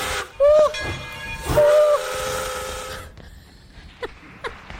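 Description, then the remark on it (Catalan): The whistle of the Tren de les Flors steam train sounds twice in loud, sustained blasts over a rush of hissing steam, followed by quieter chuffing and a few sharp puffs as the locomotive works. “que el tren de les flors no s'espera.”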